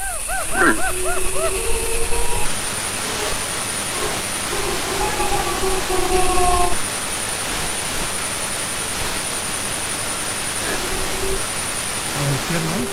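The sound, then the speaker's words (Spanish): A pack of wolves howls in long, wavering, overlapping tones, with a short, harsh deer alarm cough near the start. A steady hiss runs underneath throughout. “Esa tos así como de alarma, y al fondo, pues eso, una manada.”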